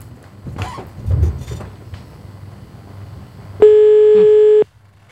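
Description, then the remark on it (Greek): A single loud, steady telephone ringback tone sounds for about a second, a flat electronic beep heard while a call connects, after a few seconds of low background rumble and faint movement. “Εγώ ανυπομονώ βέβαια να πάρω τηλέφωνο.”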